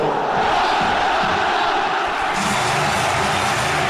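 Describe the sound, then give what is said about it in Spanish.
A huge crowd at La Rosaleda football stadium roars continuously, a dense wall of massed voices that holds steady and swells slightly louder and brighter in the second half. The sound carries many hundreds of metres around the stadium. “¡Cómo retumba la Rosaleda! ¡Cómo se escucha, cómo está tronando el estadio!”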